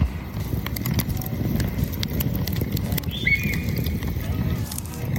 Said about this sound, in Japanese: そしてここは小さな牧場で、馬たちが放牧されていますので、彼らの生活の音も聞こえますね。